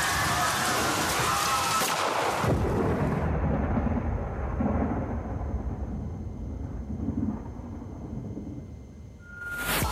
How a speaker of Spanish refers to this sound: Y la lluvia siguió.